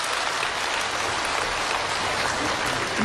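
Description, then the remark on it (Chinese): A steady wash of audience applause fills the whole stretch, dense and even with no voices, like a large crowd clapping continuously, for a xiangsheng (crosstalk) performance at a gala in Tianjin marking the 100th anniversary of crosstalk master Ma Sanli's birth. “谢谢您的掌声。”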